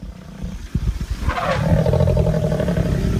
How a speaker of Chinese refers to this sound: 他们专注地看着某样东西。两只母狮显得很不安，不断发出低吼。